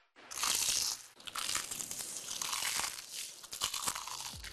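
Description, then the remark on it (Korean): Loud crunching of crispy, crumb-coated Kkk Chicken fried chicken being bitten and chewed, a dense burst of crackling textures with a brief pause, continuing steadily without any voices. “크럼프를 입혀 크런치하고 크리스피하다.”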